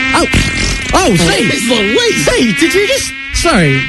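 A voice imitates a mosquito, presented as a brand new species of Brazilian mosquito let out of a container, with a loud, nasal buzzing whine that swoops up and down in pitch, continuing almost without pause for several seconds.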